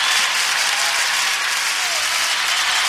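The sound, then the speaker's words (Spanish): Steady, loud applause from an audience, given to the Lord, fills the whole stretch, a dense wash of many hands clapping at once with no individual claps standing out. “¿Cuánto le pueden dar un fuerte aplauso al Señor?”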